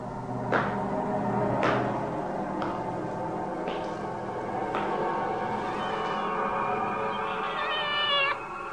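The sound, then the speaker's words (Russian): A cat shut in somewhere meows and wails continuously, fairly loud, with a few sharp knocks or thumps spaced through the first half and a rising, wavering cry near the end. No talking. “Где-то кота закрыли.”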